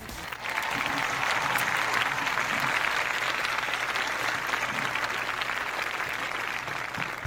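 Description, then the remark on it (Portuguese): Steady applause from a crowd for those remembered and celebrated that day, especially people with birthdays on this Monday, during a broadcast from the Alto Sertão Alagoano region of Brazil: a dense patter of many hands clapping that starts abruptly and holds at a fairly loud, even level for several seconds with no talking. “Então, uma forma de pedirmos a Deus que essa semana seja de paz, tranquilidade para todos nós, vamos aplaudir a todos que são lembrados e celebrados nesse dia, em especial aos aniversariantes desta segunda-feira.”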